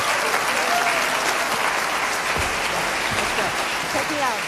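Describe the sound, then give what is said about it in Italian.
The audience of the Cinema Teatro di Chiasso applauds on 18 April 2026 at the end of an evening concert by a German singer, in a dense, steady roar of clapping that stays loud for the whole stretch, with a few faint voices or cheers rising briefly above it. “Una serata di straordinario fascino che sfocia in questo emozionato applauso del pubblico del Cinema Teatro di Chiasso il 18 aprile 2026, che accoglieva una leggenda vivente della musica jazz, del musical, del cabaret e del cinema,”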